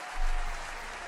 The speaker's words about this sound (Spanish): Esto, pido un aplauso para el amor.